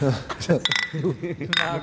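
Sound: glasses clinking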